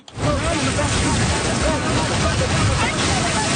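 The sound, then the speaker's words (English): Small ocean waves wash steadily onto Lawrencetown Beach in Nova Scotia during bodyboarding lessons, a continuous loud rush of surf with wind noise, and faint voices murmuring in the background. “The waves are small, but perfect for bodyboarding lessons on Lawrencetown Beach.”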